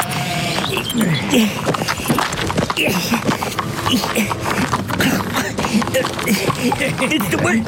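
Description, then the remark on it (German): Busy clip-clop of a horse's hooves as it keeps walking around in circles while someone tries to mount it, the irregular knocks running throughout, with people talking over the hoofbeats. “Es würde mir deutlich leichter fallen, wenn euer Pferd mal einen Moment stehen bleibt und nicht dauernd im Kreis laufen würde.”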